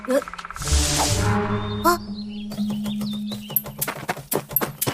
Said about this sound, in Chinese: 是啄木鸟。 啄木鸟是森林的医生，肯定对这地方很了解。